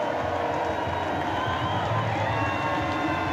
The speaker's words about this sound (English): Getting the St. Pete crowd fired up.